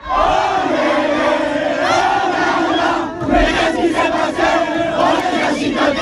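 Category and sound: crowd, crowd celebrating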